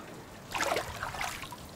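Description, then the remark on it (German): Water gushes and splashes from a hand pump in a couple of uneven surges after a quiet start, a bright, fizzy rush that fades back to a soft trickle. “Ah, gepumpt. So pumpt man.”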